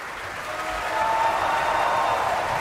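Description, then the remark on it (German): Sustained applause from a large opera audience for the Finnish bass Mika Kares, who sang Hagen, a dense steady clatter of many hands clapping that swells slightly louder partway through, with a faint murmur of the crowd beneath it. “Und jetzt noch einmal viel Applaus für den finnischen Bass Mika Kares, der in Bayreuth als Hagen, wie heute, präsent ist”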